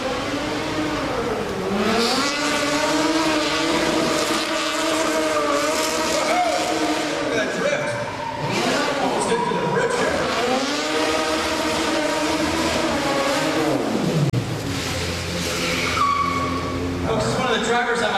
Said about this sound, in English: Let me get a pursuit car down camera alley, please.